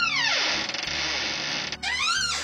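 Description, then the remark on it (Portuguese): A door creaks as a man shuts it, its hinge letting out long, loud squealing sweeps, a short pause, then another rising and falling creak. No one speaks. “E dizendo isto, fechou a porta.”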